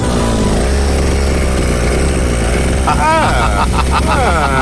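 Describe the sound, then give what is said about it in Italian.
A small two-stroke brush cutter engine drones loudly and steadily as a man cuts brush, then revs up and down in quick surges near the end as it is throttled. “Bravo, è così che si sgasa col decespugliatore.”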